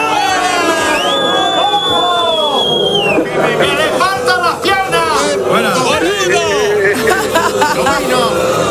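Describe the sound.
A crowd of voices jeers and boos together as a send-off, a dense, loud wash of overlapping shouts and calls with some higher whistling tones, continuing steadily for several seconds.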